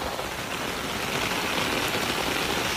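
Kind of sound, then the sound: nature, heavy rain pouring down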